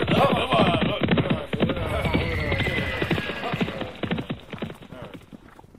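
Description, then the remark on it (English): Bandits' horses gallop away, a dense rapid clatter of clip-clopping hooves that gradually fades away, with indistinct voices mixed in early on. “And all the bandits, just as furiously as they came, thundered off on their horses.”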